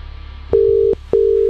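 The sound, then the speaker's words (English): A phone line's ringing tone as a call is placed: two steady, even beeps of equal length separated by a short gap, clear with no voices. “Okay, here we go. Number coming.”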